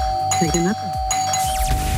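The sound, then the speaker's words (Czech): A doorbell at someone's front door is rung, chiming with bright, sustained tones over a steady hum, its ringing notes overlapping with a busy background of talk and sound. “kdo pak to zvoní, tak běžte se podívat, ven, jestli tam náhodou nestojí slečna s 5 000”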